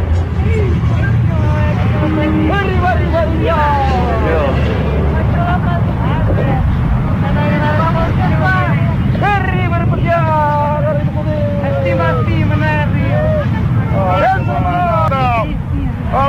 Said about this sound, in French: Et il y a le bruit des vagues, c'est très difficile à enregistrer, c'est pas très bien enregistré. Mais c'est un événement humain extraordinaire.